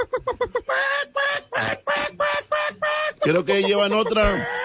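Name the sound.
chicken squawking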